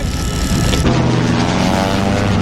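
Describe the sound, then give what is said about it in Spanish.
A Zero propeller fighter plane roars loudly overhead, its engine a steady, throbbing drone that thickens into a humming growl partway through, with no voices. “¡Cero! ¡A los aviones! ¡A los aviones!”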